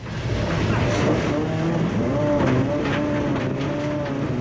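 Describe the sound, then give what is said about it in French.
A 5-metre-long rally car driven at the Domaine de Galicée rally training ground: its engine roars steadily and loudly, its pitch climbing and dipping as the revs rise and fall, with gravelly road noise underneath. “J'ai pas envie de descendre de la voiture, tellement je prends du plaisir.”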